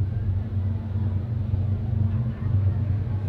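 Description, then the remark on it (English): A train passing by the first base side of a ballpark during a baseball game rumbles past in a steady, heavy low drone with a faint engine hum layered on top, holding an even loudness throughout, with no talking. “Train going by the first base side of the ballpark.”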